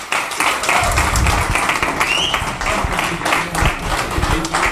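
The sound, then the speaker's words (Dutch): A crowd applauds steadily at a closing party, a dense wash of many hands clapping at a sustained, loud level throughout, with a few faint cheers rising over it. “Nou ja, na dat fantastische applaus gaan we zo meteen verder met de eerste artiesten hier op het slotfeest.”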